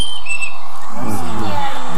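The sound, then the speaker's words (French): Short fluting whistles of a yellow-billed Eurasian blackbird's slow evening song rise and fall in the first second, then a voice begins speaking while faint bird notes continue above it. “Le merle noir. Le merle noir avec son bec jaune.”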